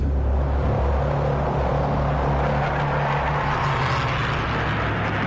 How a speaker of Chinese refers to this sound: 随着轰鸣声越来越近，美军飞机准时抵达。